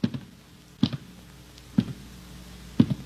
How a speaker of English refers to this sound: We were just going by there. It was all dark and everything. And all of a sudden, the door opened, and we heard footsteps in there. Like this.